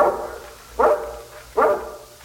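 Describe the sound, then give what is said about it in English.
A large guard dog of a mountain breed barks three times at a steady, spaced rhythm, each bark sharp and resonant, with no voices present. “Your dog, Mr. Korowitz? Yes. He's not usually so noisy, though.”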